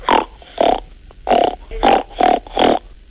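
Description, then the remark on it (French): A child snorts through the nose six times in a steady rhythm, mimicking a pig's grunt; the snorts are loud and rough, with short pauses between them. “Alors, pour le cochon? Il fait ronc, ronc, ronc.”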